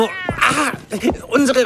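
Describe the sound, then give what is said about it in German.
A white cat meows, a few drawn-out, wavering meows in quick succession, loud and clear with nothing else around them. “unsere weiße Kita-Katze für ihren Schoß.”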